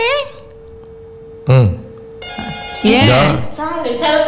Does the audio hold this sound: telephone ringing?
yes